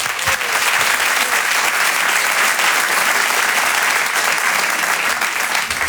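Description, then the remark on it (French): A comedy show audience applauds loudly and steadily for stand-up comedian Alex Nguyen as he is introduced, a dense wash of clapping that holds at an even level for several seconds without letting up. “C'est un stand-upper, je vous demande de l'applaudir très fort également, il s'appelle Alex Nguyen.”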